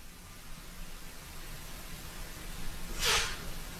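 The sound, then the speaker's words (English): A single sharp, breathy sneeze, part of a sneezing fit from allergies, bursts out near the end after several seconds of quiet background hiss, with no talking around it. “Forgive me, I'm going through a sneezing fit. My allergies are killing me.”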